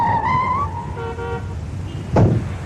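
A car pulls up and stops in front of the gate of a special police brigade compound, with a couple of short horn toots followed by a brief, sharp burst of noise as it halts. No one speaks.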